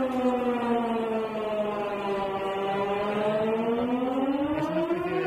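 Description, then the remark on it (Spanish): A civil defense emergency siren in Strasbourg, by Notre Dame Cathedral, sounds its test at noon on the first Wednesday of the month, wailing steadily, its harmonic tone dipping slightly in pitch and then rising again over several seconds, loud and continuous with no voices. “Para ver que todo funciona, este sistema de emergencias, por si alguna vez hay alguna emergencia de verdad.”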